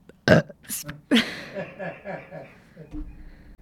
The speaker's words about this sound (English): Sorry, excuse me. I burped on the radio. My bad.